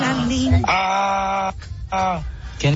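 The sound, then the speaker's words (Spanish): A donkey brays loudly, a harsh, strained call broken into long drawn-out honks with a brief wheezing gap between them. “¿Quién? Es un burro.”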